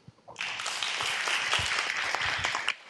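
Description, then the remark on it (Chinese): An audience at a school opening ceremony bursts into steady applause after a brief quiet start, a dense, even wash of many hands clapping that holds for over two seconds before stopping abruptly, thanking Master Yuande and all attending guests for their teaching and blessings. “让我们再次以最热烈的掌声感谢圆德法师与所有与会贵宾的开示与祝福。”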